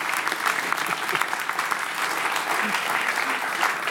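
An audience claps for a musician from Würzburg, steadily for several seconds, a dense, even patter of many hands with no pauses or voices breaking through.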